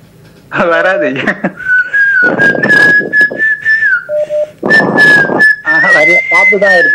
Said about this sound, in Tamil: வெறும் காத்து தான் வருதா பாத்தீங்களா? நான் விசில் பண்ணினேன் எனக்கு அந்த நேரத்தில் விசில் என்ன எனக்கு பெரிய சந்தோஷம் ஐயா.